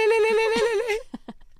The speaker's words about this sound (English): the last one is a phone call or like an intercom ringing